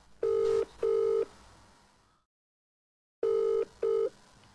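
Telephone line tones from a dropped call after the caller cut himself off: two steady electronic beeps, a second of dead silence, then two more identical beeps, clear, with faint line hiss between.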